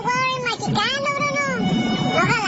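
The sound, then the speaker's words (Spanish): A cat meows loudly with long, drawn-out wavering cries that rise and fall in pitch over low background noise. “Ese gato. Ahí va.”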